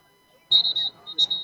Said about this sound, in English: Whistle. Timeout for the Vaqueros. All right. So we got a timeout.